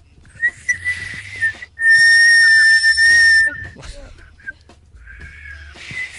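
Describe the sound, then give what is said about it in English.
Someone attempts to whistle by mouth: a thin, wavering whistle first, then a loud, steady high whistle held for about two seconds, and a weaker breathy try near the end. “I can't whistle on command.”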